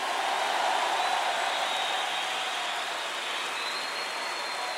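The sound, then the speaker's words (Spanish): An audience applauds the coming of Christ Jesus in a dense, steady wash of clapping that holds at an even level for several seconds, with no voices rising above it. “Un aplauso a la venida de Cristo Jesús.”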